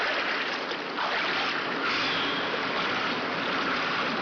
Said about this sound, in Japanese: 海の塩辛さが感じられるこの露天風呂。風の強い日には波が直接露天風呂の中にも押し寄せてきます。